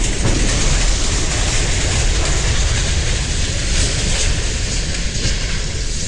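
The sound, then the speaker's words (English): A freight train derailing at the Horseshoe Curve in Altoona, 12 cars going off the track, captured on a virtual railfan livestream: a loud, continuous roar of rumbling and grinding metal that holds steady for several seconds. No voices can be heard. “The moment of the derailment was captured on a virtual railfan livestream.”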